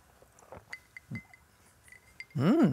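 A few light, ringing clinks of glasses touching in a toast, short-lived, spaced apart over quiet background, followed by a loud, drawn-out vocal exclamation at the end.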